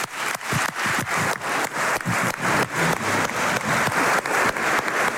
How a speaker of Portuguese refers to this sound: Aplausos de pé de todas as bancadas parlamentares do Chega até aqui ao PCP e Bloco de Esquerda que ocupam o outro lado do hemiciclo. Todos de pé a aplaudir este voto de saudação pelos 50 anos das autonomias regionais.